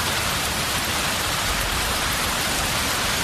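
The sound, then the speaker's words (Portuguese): Steady rain falling, a dense continuous hiss with fine patter across the whole stretch, even in loudness, with no voices; it has rained all night and is still raining. “Tá chovendo, choveu a noite inteira e tá chovendo.”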